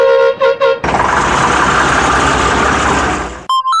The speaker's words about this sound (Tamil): Bus வருது போல இருக்கு, வாப்புள்ள போவோம்.